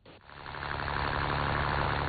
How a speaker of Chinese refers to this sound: 早上7点，暖阳西洒，海面波光粼粼。三亚崖州中心渔港内，马达声响起。